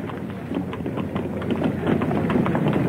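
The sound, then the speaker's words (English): Horses' hooves clip-clop on a street in a steady, overlapping rhythm at moderate loudness as two riders ride off, growing slightly fuller as the animals move off, with no voices present. “He turned, and, followed by the constable, preceded me through the ticket barrier into the street, where their horses were tethered.”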